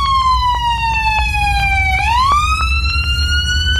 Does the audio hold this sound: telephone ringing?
no